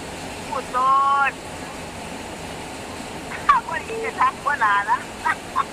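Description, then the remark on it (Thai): Rain at a home in Isan, northeastern Thailand, falls as a steady, even hiss through the whole clip, while short bursts of indistinct voices rise briefly above it. “เสียงนี่คือเสียงฝน แค่นี้ละแค่นี้ละจ ้ า ได้ยินอยู่เพิ่นได้ยินอยู่จะมาสิมีเสียงฝนแทรกเข้าไปเนาะ จ้าข้าวมาแล้วบ้านอีสานก็มีฝนเด้อพระเจ้า”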